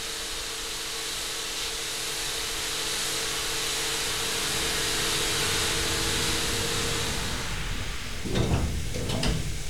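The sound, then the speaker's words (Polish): Elevator doors slide closed near the end, a short rumbling glide with a soft clunk, over a steady mechanical hiss and hum that fills the space beforehand. “I teraz drzwi się będą zamykały.”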